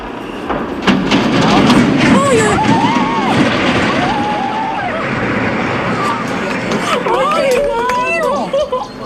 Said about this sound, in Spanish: Son los chirridos que hacen al doblarse las enormes vigas de hierro, el estruendo del puente de San Miguel de Arcos al caer al río y el asombro de los vecinos.